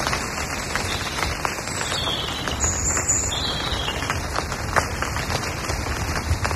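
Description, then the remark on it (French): Steady rain patters on a carpet of dried leaves, now wet, in a forest, a dense crackle of countless small drops with occasional sharper taps, while a faint high bird call threads through the middle. “Une pluie, la pluie en forêt, tu vois.”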